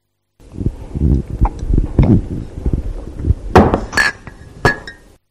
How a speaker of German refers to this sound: Das fand ich gar nicht so einfach. Es wurde aus einer Tasse getrunken und diese stellte man dann auf den Tisch.